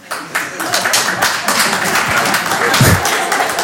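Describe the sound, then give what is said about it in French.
Sparse, uneven clapping from a small crowd, scattered hand claps overlapping loosely for a few seconds without building into full applause, with faint murmuring beneath; the audience is clapping in answer to a performer asking who would be willing to go to war to defend the country. “Par applaudissement, qui serait chaud pour y aller, là?”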